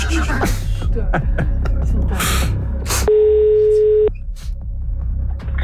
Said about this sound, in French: On laisse une demi-sonnerie au premier appel, du coup. Allez, oh là là, j'ai peur pour la personne. Nous appelons quelqu'un en France.